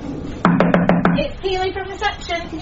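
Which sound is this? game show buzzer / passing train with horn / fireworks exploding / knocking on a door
knocking on a door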